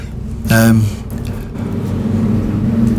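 Planes flying overhead outside, a steady low engine rumble with a droning hum, swelling into a brief louder roar near the start before settling back to a constant drone.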